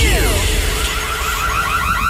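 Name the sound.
burglar alarm ringing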